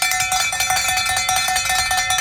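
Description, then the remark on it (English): A loud bell rings continuously, its metallic, high-pitched tone pulsing in a rapid, steady rhythm for a couple of seconds with no voices over it. “So watch out for my Gomers now, because they're trying to make a last-ditch effort to get in before that bell says ring, ring, ring.”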